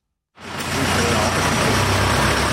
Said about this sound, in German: Ein kleiner Lastwagen fährt gerade aus der Garage vom Werkhof, dort die Tüfe ein bisschen ausserhalb vom Dorfkern.